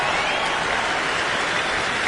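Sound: audience cheering and applauding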